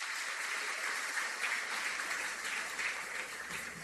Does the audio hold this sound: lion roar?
no